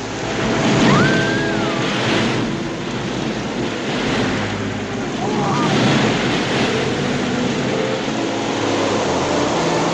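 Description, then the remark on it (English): Ocean waves surge and crash steadily over a constant roar of wind, loud, with a couple of faint whistling tones rising briefly above the noise. “The waves are reaching us.”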